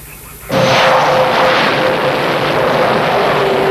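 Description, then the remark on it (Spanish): A helicopter roars in abruptly and stays loud, a dense rushing engine noise with a steady whining tone running through it, no voices. “El radar nos dice que es un helicóptero, pero un helicóptero no puede ir a esa velocidad.”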